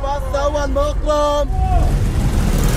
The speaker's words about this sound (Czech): Takhle řidiči vykřikují své destinace a potenciální cestující tak má zrak uvolněný k hlídání, aby ho nepřejelo auto nebo osel, a k vyhledání spoje mu tak stačí jen dobře nastražené uši.